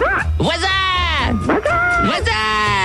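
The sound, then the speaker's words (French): A voice imitates animal noises in quick succession: barking, yelping and bleating cries, loud, with strained, wavering calls running together for a few seconds. “Le maximum de bruit d'animaux, on y va.”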